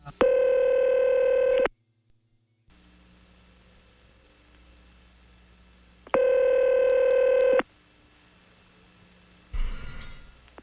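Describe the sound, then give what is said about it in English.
Telephone line tones while calling someone back: two long, buzzy electronic tone bursts a few seconds apart, with faint line hiss between them and a brief click near the end. No one speaks. “Oh, and we're going to have to get him back on the phone again.”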